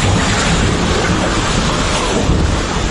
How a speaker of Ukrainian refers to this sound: 10 секунд або мить. І хвиля повністю змітає усе на своєму шляху. Ті, хто опинився в епіцентрі, врятуватися не мали жодного шансу.